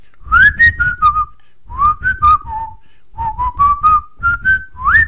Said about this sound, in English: I could whistle a fanfare now, darling, because you know what's next after the chart trial.